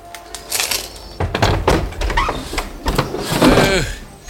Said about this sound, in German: Bob klingelte an der Tür. Kurz darauf öffnete sich über ihm ein Fenster.